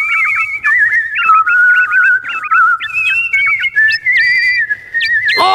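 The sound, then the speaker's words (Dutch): A mechanical nightingale made of gold, sapphires, rubies and diamonds sings a loud, unbroken whistled melody of high warbling notes, quick repeated trills and upward leaps, with no talking, ending in a brief burst of noise. “Nee, deze nachtegaal was gemaakt van goud, saffieren, robijnen en diamanten. Nu kunnen ze samen zingen.”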